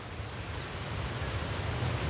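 A steady, dense roar of water falling at a waterfall on a river, rushing continuously with a deep low rumble and a hiss across the top, with no voices or breaks.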